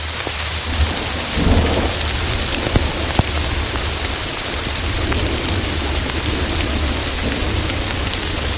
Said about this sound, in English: So the second category is geophony, which is other natural sounds like wind blowing through the trees or a gargling river. So here's an example of geophony. This is a rainstorm.